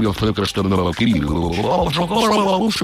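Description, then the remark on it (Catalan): A voice imitates speaking underwater, producing a continuous garbled, gurgling babble with wobbling pitch and bubbly texture, loud and steady for about three seconds. “És veritat que a vegades també parlo sota l'aigua o hi ha gent que parla menjant, no fica res a la boca, no?”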